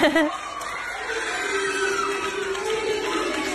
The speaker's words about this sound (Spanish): Ahí lo vemos y él va sacando la medalla de su mochila. Ay, ver algo dorado, dice. Ay, claro. Y escuchá el grito de los nenes. Felices.